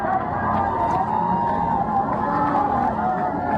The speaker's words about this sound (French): C'était juste après la messe donnée en la cathédrale Saint-Étienne. On entend cette foule qui acclame le pape à sa sortie de l'édifice